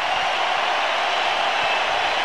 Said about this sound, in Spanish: Los dejo para que escuchen la ovación a Julián Quiñones.